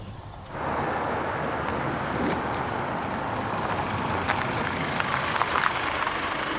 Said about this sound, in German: Jetzt kommt ein Auto.